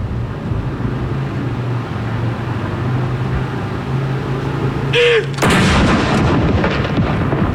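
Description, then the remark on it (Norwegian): A single booming ceremonial cannon salute shot, the second one, fires at Akershus Fortress in Norway, its deep blast rolling out loud and long over steady low outdoor rumble, with no talking. “Andre kanon!”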